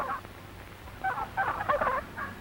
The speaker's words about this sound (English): The gander hears something. He hears a turkey gobbler who flew over the fence of the turkey yard.